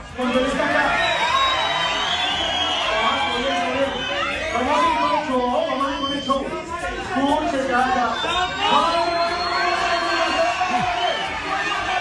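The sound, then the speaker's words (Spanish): A crowd shouts and yells over one another during a brawl at the Culotauro event, in a dense, continuous roar of agitated voices, with rising cries and whoops cutting through the steady loud chatter for the whole stretch. “Empezó ahí la confrontación. Peor dolor. Esto fue lo que sucedió en el evento de Culotauro.”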